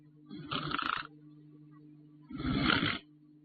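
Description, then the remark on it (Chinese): A voice mimics people lying face up on the floor in deep sleep and snoring, with two loud, rasping snorts separated by about a second of quiet, over a faint steady low hum and no speech. “再看地上躺着几个人，小一朵梅钱亮、千里独行张景龙，还有那个韩老四，都仰面朝天在地上躺着，是沉睡不起，听了听还打呼噜呢。”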